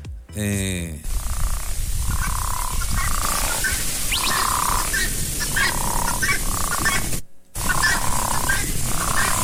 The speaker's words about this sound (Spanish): Nomás se escuchaban las ranas así en los estanques, se escuchaba.